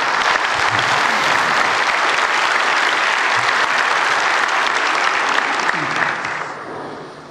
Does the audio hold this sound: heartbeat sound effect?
no